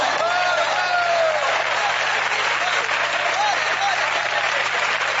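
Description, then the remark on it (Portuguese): A large church audience applauds steadily in praise of the name of the Lord, the dense clapping sustained and loud throughout, with faint raised voices and cheers rising briefly within the crowd noise. “Fiquem firmes em nome de Jesus Cristo, e essa igreja pode aplaudir o nome do Senhor.”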